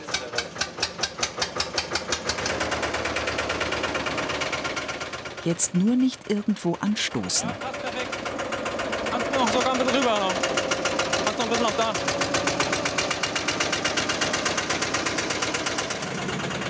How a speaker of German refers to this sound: hilft mit seinem Oldtimer-Traktor, einem Porsche Diesel Junior. Damit soll der Bootsrumpf auf seinem Gestell aus der Garage gezogen werden.